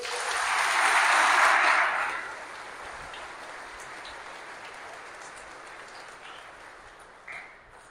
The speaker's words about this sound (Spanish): Un aplauso a Dios.